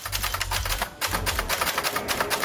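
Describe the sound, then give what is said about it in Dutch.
Rapid clacking of mechanical typewriter keys, a steady stream of sharp strikes, with a low rumbling hum underneath for the first part. No one speaks. “Typemachine vergt een andere focus als je schrijft.”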